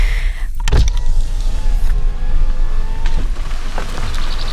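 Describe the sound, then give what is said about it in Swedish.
A car rumbles steadily up a very small, stony forest road, its engine droning low beneath scattered knocks and rattles from the uneven surface. “Som att man undrar om bilen ska ens orka, om den ska åka på den här steniga lilla vägen.”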